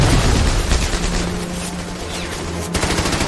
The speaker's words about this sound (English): But before long, gunfire erupts and cuts off their advance. German machine guns, concealed in the hillside, open up.